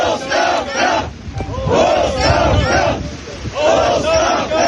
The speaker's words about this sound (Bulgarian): Протестиращи пробиха охраната и стигнаха до портала на базата с възгласи оставка.